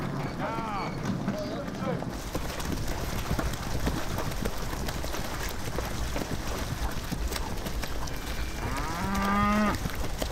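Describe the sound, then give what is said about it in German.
Cows moo repeatedly as a herd is driven at low tide from the mainland onto the Hallig islands, with low bellowing calls near the start and again louder toward the end over a steady outdoor rush of noise. “Die Kühe werden bei Ebbe vom Festland auf die Halligen getrieben.”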